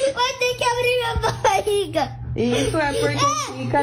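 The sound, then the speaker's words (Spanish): A young boy wails and whimpers in drawn-out, high-pitched cries, loud, with a short break before a final rising scream, as a phone flashlight is shone on his stomach and he is shown a fake ultrasound of a big worm in a belly. “un nene porque le alumbran el estómago con la lámpara del teléfono y en la tele o en el teléfono tienen una ecografía donde hay un gusanote en la panza de algo, obviamente nada real, y el niño pega estos alaridos.”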